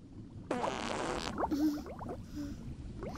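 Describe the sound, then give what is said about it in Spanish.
A loud, rasping fart bursts out underwater from someone snorkeling among fish, followed by a run of gurgling, wobbling bubble sounds rising and popping, with no talking. “¡Burbujas! ¡Qué asco!”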